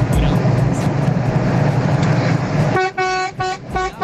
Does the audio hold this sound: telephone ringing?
no